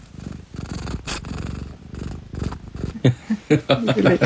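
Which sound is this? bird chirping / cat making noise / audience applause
cat making noise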